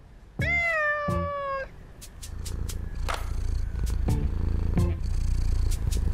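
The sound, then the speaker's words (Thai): A pet cat named Simba gives one long, drawn-out meow, then settles into a steady, rumbling purr with a few short, higher chirps mixed in. No one speaks. “ก็รู้ว่าแพ้ขนแมวยังจะให้เลี้ยงอีก”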